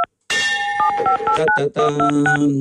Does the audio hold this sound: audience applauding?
no